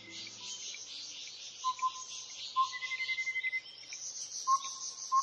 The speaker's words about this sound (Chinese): 你有多久没有听到像如此清脆悦耳的鸟叫声了呢？大自然的生命乐章，接下来要让你置身在宜兰的福山植物园。